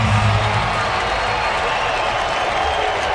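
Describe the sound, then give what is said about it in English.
A ballpark crowd at an Orioles baseball game roars in a steady, dense wash of cheering and noise, loud and sustained throughout with no single voice standing out. “Ballpark getting loud.”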